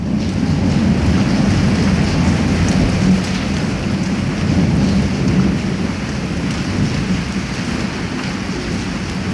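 A thunderstorm with heavy, steady rain and deep thunder rumbling continuously underneath, loud, with no voices.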